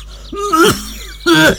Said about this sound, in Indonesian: Aduh Pak, sudah 2 minggu lebih batuknya kok tidak sembuh-sembuh toh Pak. Takutnya menular ke anak-anak kita Pak.